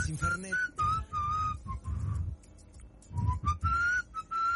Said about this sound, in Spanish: Yo por ahí cuando me distraigo así un poquito me pongo a silbar. Soy silbado, sí.